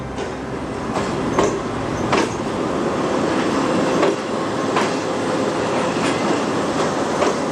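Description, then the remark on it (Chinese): A Fuxing high-speed train on the Beijing–Zhangjiakou high-speed railway roars steadily past the line's landmark herringbone-shaped track, loud, with sharp rhythmic clacks of the wheels repeating every second or so. Nobody speaks. “113年后，京张高铁上的复兴号从它那标志性的人字形轨道呼啸而过。”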